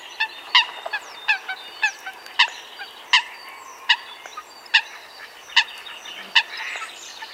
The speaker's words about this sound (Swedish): Ja, nu undrar vi naturligtvis, vad heter den här fågeln? Jag tror att det är en sothöna.